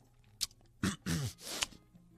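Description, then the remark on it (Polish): Quiet mouth noises of someone eating porridge: a sharp wet smack, then a few longer squelchy chewing bursts with a faint voiced murmur, ending in another click. “a kaszkę jem.”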